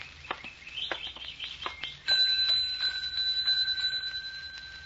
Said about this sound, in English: Do you suppose they could tell us where the proprietor is? Oh, there's a bell over there on the desk. That might be a help.